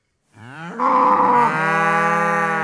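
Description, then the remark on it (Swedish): A single long, loud cow moo rises in a harmonic-rich bellow, then sustains steadily for about two seconds with no other sounds around it. “Det är fler kor än människor i Marie-Hélène Lafons nya roman Utanför.”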